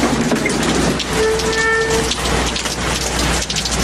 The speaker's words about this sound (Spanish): ¿Siempre llueve así? Solamente en época de lluvia.